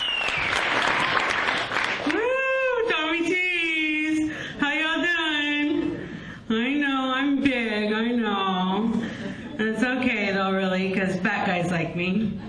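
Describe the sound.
Audience applause for the first comedian coming up at a comedy show: a dense burst of clapping and cheering for about two seconds, then it cuts off as a woman starts talking steadily.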